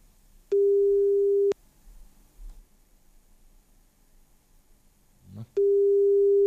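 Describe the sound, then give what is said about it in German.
A telephone ringback tone on a radio presenter's outgoing call to a possible winner of concert tickets: a steady, clear one-second tone, a long pause of about four seconds with faint low rumbling, then the tone starting again. “Und ich hoffe, ich habe jetzt einen Gewinner oder eine Gewinnerin am Telefon.”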